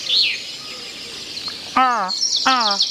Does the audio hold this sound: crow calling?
yes